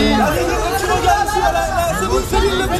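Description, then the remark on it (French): A dense crowd of fans outside a hotel in Paris cheering and calling out at once as a Québécois star arrives in the morning, many overlapping voices forming a loud, continuous roar, with no single speaker standing out. “La star québécoise est arrivée ce matin à Paris sous les acclamations de ses admirateurs, à 2 semaines de son grand retour sur scène.”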